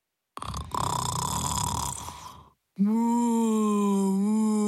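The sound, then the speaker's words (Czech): A loud snore from a sleeping spotted cow: a long, rough, rasping inhale, a brief pause, then a steady droning, moan-like exhale, its flanks swelling and sinking in time with the snoring. The exhale sounds voiced, as if someone is imitating a snoring cow. “Rozléhalo se doširoka a v taktu chrápání se kropenaté boky krávy nadýmaly a splaskovaly.”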